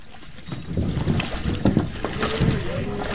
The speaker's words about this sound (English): About 70 paddlers fumbled out of their kayaks and waded through the water and rocks at a boat ramp at Washington Crossing Historic Park as part of the week-long paddling event.